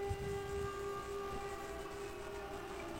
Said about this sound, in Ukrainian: Увага, повітряна тривога в Івано-Франківському районі.